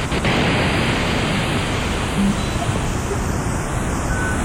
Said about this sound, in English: Let me return to another fundamental sound generated by the synthesizer. This is white noise, so-called because as white light contains all colors, so white noise contains all pitches.